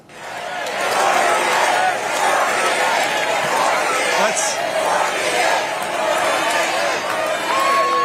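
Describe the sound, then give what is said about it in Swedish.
A large convention crowd in Dallas roars continuously during Vice President J.D. Vance's speech, chanting and shouting that he should become the 48th president; overlapping shouts and chanting voices blend into a dense, loud wall of noise that holds steady throughout. “Och det lät rätt mycket som en uppladdning för 2028 när publiken skanderade och skrek att han skulle bli den 48:e presidenten.”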